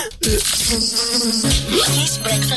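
Loud buzzing of bees, several droning tones overlapping and rising and falling in pitch, continuous for a couple of seconds with no voices.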